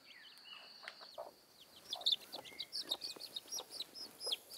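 A hen clucks and chatters in a quick, uneven series of short calls, with faint chirps and rustling in the background and no one speaking.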